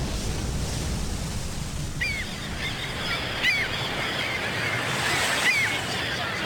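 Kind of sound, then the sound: ambience, waves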